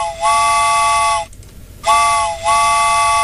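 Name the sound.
train whistle sound effect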